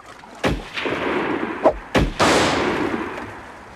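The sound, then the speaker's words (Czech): Four loud gunshots, fired at a Huron Indian on the shore, go off at uneven intervals, each a sharp crack followed by a rumbling tail. A lingering roar fills the gaps between them, and no one speaks. “Střílejte!”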